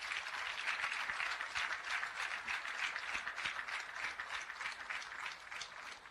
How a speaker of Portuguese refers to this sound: Peço uma grande salva de palmas.